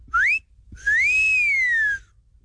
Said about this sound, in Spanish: el chiflidito para las de 100 y menos.